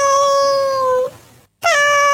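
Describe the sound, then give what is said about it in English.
A cat gives two loud meows: a long, sustained, steady cry, a brief silence, then a second meow that starts high and slides down. No one is talking. “Thanks, Bear, for setting my three English Toy Terriers off in the bus as we head off to work, guessing they don't like cats.”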